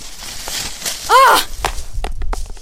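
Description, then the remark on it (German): A smartphone, being used as a light in the dark among trees, drops onto a hard surface with a dull thud and its display cracks, followed by a few small sharp clattering clicks as it settles, against rustling movement and a short tonal squeal just before. “Oh nein, mein Handy. Fuck, das Display ist gesprungen.”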